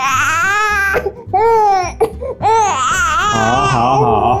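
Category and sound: human body sound, infant crying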